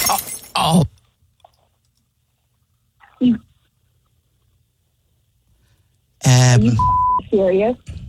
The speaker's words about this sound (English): Did you just do what I think you did? You idiot! I just heard glass drop.